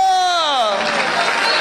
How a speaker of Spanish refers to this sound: Vamos, denle ese aplauso fuerte a Dios. Denle ese aplauso fuerte a Dios. Aleluya.